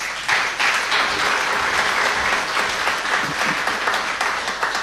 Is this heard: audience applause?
yes